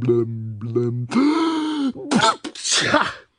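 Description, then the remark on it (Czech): A voice performs a loud, theatrical sneeze of a character suffering from a constant head cold: a few drawn-out, wavering 'ah' breaths building up, then two harsh, explosive bursts of breathy noise. “A znovu mocně kýchla.”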